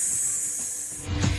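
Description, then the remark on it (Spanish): A voice imitates a snake's hiss with one long, steady, sharp "sss" lasting over a second, fairly loud, with a brief low rumble near the end. “Así cantamos las serpientes.”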